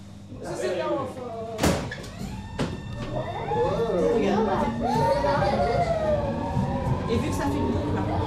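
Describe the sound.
Train doors slide shut with a couple of sharp thuds on a train serving Copenhagen Central Station, while steady warning tones ring out and voices carry on in a busy, echoing carriage.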